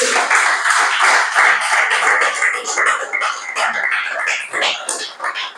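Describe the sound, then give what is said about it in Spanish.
An audience claps for the Lord in a steady, dense wash of applause that stays loud throughout, with cheers and murmured voices mixed into the clapping. “Amén, dale ese aplauso al Señor.”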